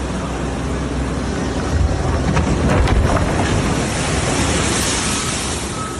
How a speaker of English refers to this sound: This was the scene in Long Beach over the weekend, beachfront properties being hammered by waves. Friday brought the most devastating swells, pounding the coastline.